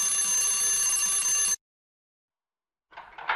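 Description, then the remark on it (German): A hotel doorbell rings loudly with a steady, bright, buzzing tone for about a second and a half, then cuts off abruptly. Silence follows before a brief burst of rustling noise. “Dort sollten wir klingeln.”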